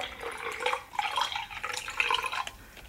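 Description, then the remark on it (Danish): Juice pours steadily from a bottle into a glass for a few seconds, a bright trickling and splashing with small fluctuations as the stream continues, no voices present. “Og du har flasken. Og jeg skal passe på nu jo. Og du har glasset.”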